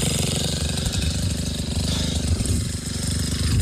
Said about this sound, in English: His friend came through with a bulldozer digging into the ground to create a fire break. You can hear that here.